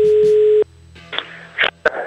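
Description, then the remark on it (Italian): A loud, steady telephone tone after a hang-up, a single mid-pitched hum lasting about half a second, then cutting off into quieter scattered clicks and rustling. “Non si può buttare giù il telefono ad un professionista come Wender, che dedica la sua vita a torturare vecchi tutto il giorno al telefono.”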